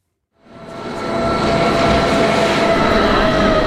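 A rack railway train coming from Wengen rumbles in after a moment of silence, its loud, steady roll carrying a thin electric whine as it approaches and pulls into Eigergletscher station, 2,300 metres above sea level.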